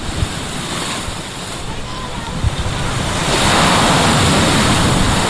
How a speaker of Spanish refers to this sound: Bueno, a ver si no nos mojamos, si no se nos moja el micro amarillo. Vamos a transmitirles con el sonido de las olas.